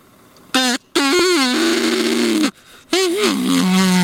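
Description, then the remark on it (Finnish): Three loud, drawn-out moaning calls blown on a call whistle bought from a music shop, meant to call ducks, with a low, buzzy pitch that wavers and bends, resembling a bull moose's mating call, separated by short pauses. “Toi kuulosti nyt kyllä niinku uros hirven kutsuhuudolta”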